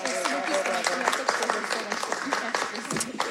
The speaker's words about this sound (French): Je pense qu'on peut les applaudir, le public.